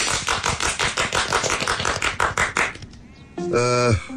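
A few seconds of steady, crisp applause from a small group at a village meeting welcoming the new first secretary, clapping briskly, then fading out. A short, bright, wavering harmonic tone follows at the end.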